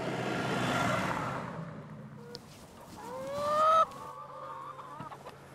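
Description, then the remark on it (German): A flock of 300 free-range chickens at a mobile henhouse on a meadow in Holtland clucks and squawks, with a broad rustling burst at the start, then overlapping calls rising to a loud squawk near the end. “Auf einer Wiese in Holtland steht sein mobiler Hühnerstall. 300 Freilandhühner legen dort jeden Tag etwa 270 Eier”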